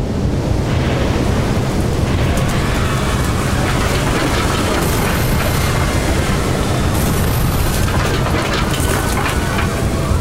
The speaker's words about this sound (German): Wie es scheint, wurde die Kraft des erzeugten Windes etwas unterschätzt, denn nach und nach lösen sich die Schneidzinger Häuser aus ihren Fundamenten und fliegen in die Ferne.